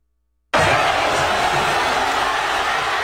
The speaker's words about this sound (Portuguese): Olha a gritaria, uma fanfest montada por ali. Esse foi no momento do apito final. É o famoso ninguém é de ninguém nessa hora, né? Pula pro lado, pula pro outro. Olha a festa.